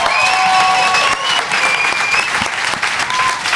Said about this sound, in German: Applaus für alle Poetinnen und Poeten. Für diese erste Gruppe.